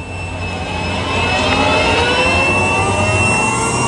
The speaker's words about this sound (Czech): Letadlo nabírá. Ano, už se rozjíždí.